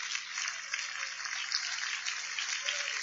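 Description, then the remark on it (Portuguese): An audience applauds to glorify God in a steady, dense wash of clapping that holds at an even loudness for about three seconds, with no voices rising above it. “Podeis assentar, palmas que glorifica a Deus.”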